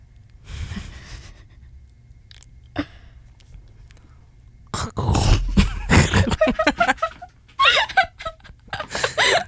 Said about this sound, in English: It's the boots hitting the crunching leaves. Oh, okay, it's okay. Gentle, it's a little wet. I mean, we have the storm coming soon. Our leaves are a little damp from the nor'easter.